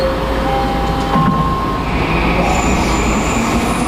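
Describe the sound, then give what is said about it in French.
A metro train rumbles steadily through a subway station in Vancouver, loud, with thin high-pitched wheel squeals and whines drifting over the constant low roar. “Les organisateurs ont choisi une station de métro pour lancer leur campagne, bon à savoir avant de partir, parce que ce sera compliqué de circuler dans la ville, surtout les jours de match.”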